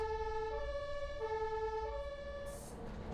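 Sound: ambulance siren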